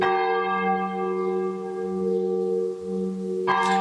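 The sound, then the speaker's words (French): A church bell peal rings, its deep, rich tones humming and overlapping steadily, with one more bright clang near the end as the full peal winds down and comes to an end. No one speaks. “Voilà, c'est la volée qui se termine.”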